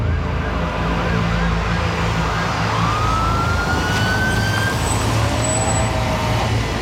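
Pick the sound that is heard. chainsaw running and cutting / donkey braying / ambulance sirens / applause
ambulance sirens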